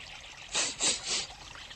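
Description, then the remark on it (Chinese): Clean water trickles softly at the edge of a lake in three brief, gentle swells that rise and fall over a faint hiss of background, with no one speaking. “我们来到了水边，水好干净，闻着鼻子都像清了一样。”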